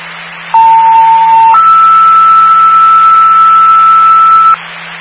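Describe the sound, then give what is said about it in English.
Two sustained electronic emergency dispatch paging tones over a radio channel, sounded for a call to 12 Orchard Street: a lower tone for about a second, then a higher one held for three seconds, loud and steady over a faint static hiss and low hum. “Standby for the tones for 12 Orchard Street, a PC.”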